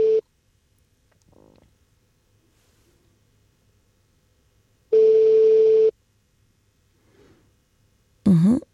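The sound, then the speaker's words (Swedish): A telephone ringback tone sounds twice on a call to a man in Borensberg early in the morning, each steady buzzing pulse lasting about a second and separated by a long silent gap, with no answer; a brief sigh-like vocal sound comes at the end. “Så jag tar och ringer”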